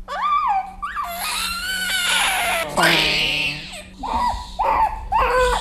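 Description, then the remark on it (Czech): A premature baby cries loudly in a string of wailing, rising and falling bursts, with short gasping pauses between them and a steady low hum underneath, just after a nurse gives it its first vaccination, a hexavalent vaccine, while its mother holds it. “Jo, vidíte, že jenom je to chvilička a už se sklidní.”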